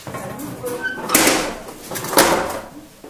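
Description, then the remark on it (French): Two metal furnace doors are swung shut about a second apart, each a loud scraping clank that rings briefly before fading, with faint background noise and no talking. “Je vais pouvoir fermer mes portes.”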